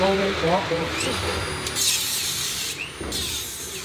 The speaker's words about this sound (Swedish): I själva skyddsrummet är all tågbana borta. Nu river de träställningarna som burit upp banan. De konkar plywoodskivor, reglar, plank och svarta sopsäckar genom de röda dörrarna upp för trappan till en container där de slänger brännbart.